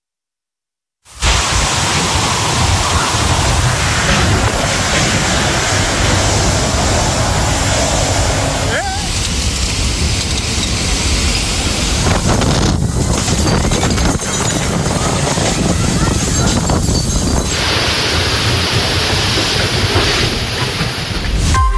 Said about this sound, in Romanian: Ați văzut acum au fost imagini din regiunea Valenciei, unde o rupere de nori a adus pe alocuri 90 de litri de apă pe metru pătrat. În plus, rafalele de peste 150 de km pe oră au rupt copaci și au gonit pe turiști desigur de pe plajă.